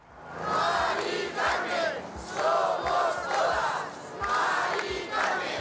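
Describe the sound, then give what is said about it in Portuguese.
A large crowd of about 20,000 marchers in Madrid, walking from the Puerta del Sol to the house of Mari Carmen, chants the slogan "Mari Carmen, somos todos" in unison, loud rhythmic bursts of many voices with short pauses between, over a steady murmur of people. “Percurso comovente, quase sempre em silêncio, mas com espaço para gritos de ordem.”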